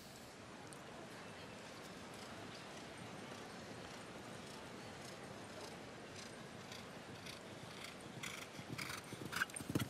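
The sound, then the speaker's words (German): Rhythmic horse hoofbeats at a canter thud over a steady wash of show jumping arena ambience, growing louder toward the end, as Scott Bresch's horse Mango sets off as first starter in the jump-off. “Vielleicht ist die Zunge auch gleich wieder drin, wenn die Konzentration des Pferdes auch mit ansteigt.”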